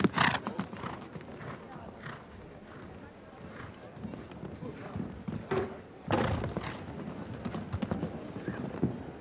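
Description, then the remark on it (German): A show-jumping horse gallops toward a jump in a competition, its hooves striking in a steady, rhythmic series of loud thuds, with a voice talking over the hoofbeats and a louder burst of noise partway through. “So, schön die Beine nochmal zugemacht, um das Pferd genau mit dem passenden Galoppsprung zum Absprung zu bekommen.”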